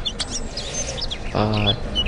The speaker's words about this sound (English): My bird singing. How does that sound make you feel?